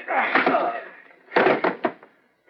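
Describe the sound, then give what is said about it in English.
A scuffle of shuffling and strained breathing, then a sharp, heavy thud as a pistol butt strikes a man's head and knocks him out cold, followed by a couple of quicker knocks. “Just knocked him cold with a pistol butt.”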